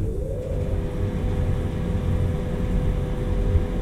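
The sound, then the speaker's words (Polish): An electric fan runs with a steady, low whirring hum and a faint tonal drone on top, unchanging in loudness for the whole stretch, with no voices. “Wentylator w sobie można zostawić.”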